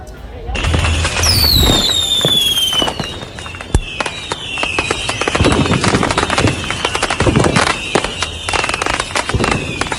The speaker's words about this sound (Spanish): Los fuegos artificiales. Correcto.